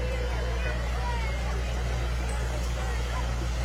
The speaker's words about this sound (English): We've got a Super MTA 1966 diesel as well coming up. More Farm All tractors. Yeah. These are Bob Mickelson's tractors, driven by grandsons, it looks like.